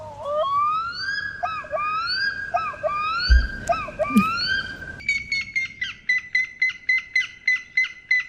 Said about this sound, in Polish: Nur czarnoszyi. Serio to wiedziałaś? No, oczywiście.